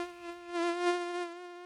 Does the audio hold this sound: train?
no